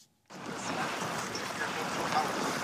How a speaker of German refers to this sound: Hier am Ufer, am Rande der ostchinesischen Stadt Changzhou, rauschen die gewaltigen bräunlichen Wassermassen des Yangtze entlang. Der größte Fluss Asiens fließt an dieser Stelle unter der längsten Schrägseilbrücke der Welt hindurch.